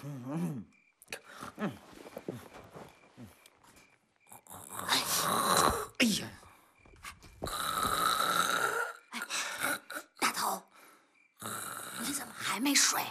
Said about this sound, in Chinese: 睡得着吗？我这包子这呼噜打的房顶都快掀掉了。